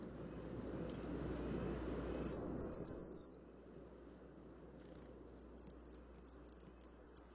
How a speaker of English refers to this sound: It's a little piercing, isn't it? That is a brown creeper, which a little flock was moving through as I was gliding by.